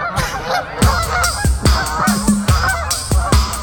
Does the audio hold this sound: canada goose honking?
yes